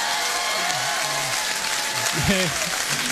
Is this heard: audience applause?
yes